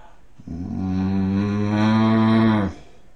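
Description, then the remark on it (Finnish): A person imitates a bull's bellow as one of a series of six animal sound imitations: one sustained, low, droning moo lasting about two seconds, loud and steady with a rich harmonic tone, ending abruptly. No other voices or sounds. “Sitten sonni.”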